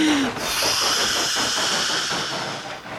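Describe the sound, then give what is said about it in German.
A steam locomotive rolls into a station platform, chuffing steadily with a loud, continuous hiss of steam. Rhythmic puffs repeat throughout, and a brief whistle-like tone sounds at the very start. “Thomas erreicht Maidwaite. Gerade rollt er pustend und dampfend am Bahnsteig ein.”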